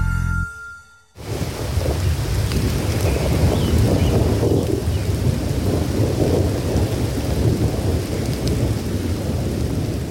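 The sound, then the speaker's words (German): A thunderstorm: steady, heavy rain hisses continuously while deep, loud thunder rumbles underneath, starting abruptly after a brief quiet moment and never letting up. No one speaks. “Erholungssuchende, Waldsportaktive und Naturmenschen werden leider oft genug von Gewittern ausgerechnet beim Waldbesuch überrascht.”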